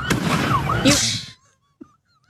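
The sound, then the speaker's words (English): A firework explodes near a patrol car at an illegal street sideshow around 2 a.m. at Columbus Parkway and Georgia Street in Vallejo, with a sharp bang, followed by a second of loud crackling and hissing that cuts off abruptly into near silence, broken by one faint thump. “You can see a firework explode near a patrol car as officers tried to break up this latest sideshow around 2 a.m.”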